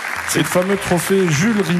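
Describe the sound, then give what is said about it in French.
Steady clapping from a small group runs in the background while a man talks over it in the foreground, the applause soft and crackly beneath his voice. “Ça s'applaudit.”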